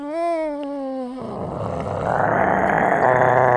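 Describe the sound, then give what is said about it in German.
A voice mimics a dog: a short steady hum, then a rough, rumbling growl that builds and grows louder for a few seconds, as the dog becomes ever bigger. “Hund. Ruff, ruff.”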